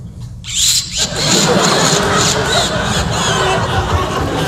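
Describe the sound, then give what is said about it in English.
A voice mimics a car engine starting, bursting from a short pause into a loud, sustained, rough roar with squealing overtones, while an audience murmurs and reacts in the background. “Then I went down and started up the car.”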